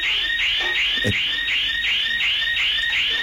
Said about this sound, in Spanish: está sonando la alarma y ellos siguen robando. Tranquilamente están cargando todo en un bolso.